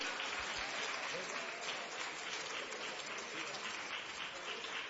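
A crowd claps enthusiastically, a dense, steady wash of many hands applauding at once with no letup, fairly loud throughout, with faint voices mixed in. At a church service, they joyfully clap to the Lord Jesus to welcome a gospel singer.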